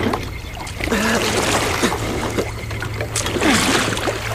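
A small boat moving through lake water, with steady lapping and splashing, soft trickles and a low engine-like hum underneath; faint voices murmur in the background.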